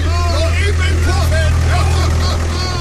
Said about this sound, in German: Wir fahren noch eben im Trecker beim Puff vorbei.